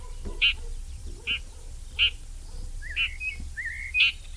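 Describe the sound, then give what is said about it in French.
Red-backed shrike alarm calls, its contact or worry calls: five short, harsh, high-pitched calls repeated at a steady pace about once per second, with a couple of thin rising chirps between them over faint background noise. “Ici, on l'entend en train d'alarmer, de faire ses cris de contact ou ses cris d'inquiétude.”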